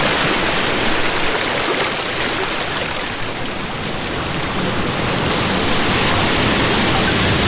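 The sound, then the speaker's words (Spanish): Loud, continuous rush of sea water churning and splashing at San Andrés Islands, a dense steady wash that barely varies for the whole stretch, with no voices. “Ah, esa agua así refresca, escuche.”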